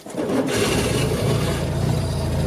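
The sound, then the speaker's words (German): The small engine of an original Citroën 2CV (Deux Chevaux) car runs steadily with a rough, low-pitched putter and a rattly, buzzing texture. It holds a fairly even, loud drone throughout, and no one speaks. “Ihr Revival als elektrische Ente Schwierig für echte Entenfans, denn die erkennen ihre Original-De Chevaux am Sound.”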